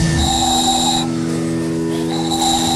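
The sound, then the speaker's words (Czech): A small handmade ball whistle, made from small balls you blow into, is blown at a town festival in Pernink in fine weather, in two sustained, shrill blasts separated by a short pause over a steady low background drone. “Vyrábil jsem tady takový kuličky, do toho se fouká a se toho vyrobí taková píšťalka.”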